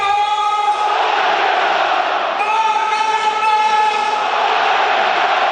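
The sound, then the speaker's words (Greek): A packed football stadium crowd of AEK supporters chants and roars in unison after Varga's goal puts AEK 2-0 up, a loud, sustained wall of voices with steady harmonic singing that swells slightly midway, with no pauses throughout. “Ακούτε τι γίνεται.”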